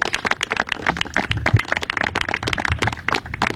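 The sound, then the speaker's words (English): An audience at a press conference in British Columbia with Premier David Eby and the Prime Minister, on a housing announcement, applauds with dense, steady clapping, many hands striking in quick overlapping bursts at a fairly loud, even level for a few seconds, with no one speaking. “Everybody's clapping.”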